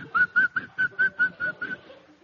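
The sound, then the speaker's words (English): A man whistles a short tune of about eight clear, evenly spaced notes, fairly loud, each note held briefly, with the last few fading slightly before silence. “I noticed a man whistling.”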